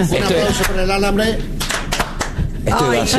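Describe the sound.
Brief, scattered applause: a handful of sharp claps spread across a few seconds, mixed in with voices talking and calling out loudly.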